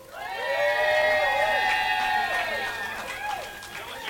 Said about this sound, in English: Again, I need 15 seconds to switch this out. So somebody yell and scream and say yay.